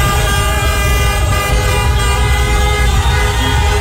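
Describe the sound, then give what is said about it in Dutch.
Many car horns blare continuously and overlapping in Rotterdam, where Cape Verdean fans celebrate a 2-2 World Cup draw against Uruguay: a loud sustained chorus of honking with steady traffic rumble underneath. “Dus getoeter in Rotterdam.”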